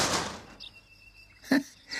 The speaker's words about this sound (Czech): Takhle práskat dveřmi, to je paráda.